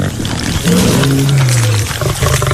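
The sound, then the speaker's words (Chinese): A lion walking toward the listener from not far away lets out one loud, deep roar lasting about a second, its pitch sliding downward, over a noisy, rumbling background. “冷风看着不远处有狮子正向自己走来，不禁调侃了起来。”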